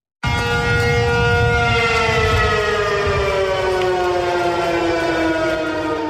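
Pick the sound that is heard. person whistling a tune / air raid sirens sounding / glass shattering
air raid sirens sounding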